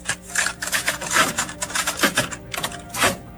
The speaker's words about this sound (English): what is it? Cassette tape.